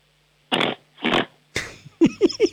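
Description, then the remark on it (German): A person imitates a pig, grunting like a piglet for a noise game, with two long, raspy snorting grunts followed by a quicker run of short, throaty oinks, loud and alone. “Ich hätte gerne, dass du grunzt wie ein Schweinchen.”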